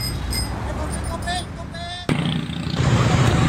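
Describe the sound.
Congested street traffic jam caused by an accident, with idling car and motorcycle engines rumbling, a few rising engine whines, and an abrupt shift midway into a denser, louder wash of traffic noise with faint voices.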